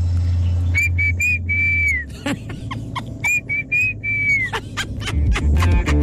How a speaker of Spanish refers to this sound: Este es el silbido con el que les llamamos a nuestras niñas.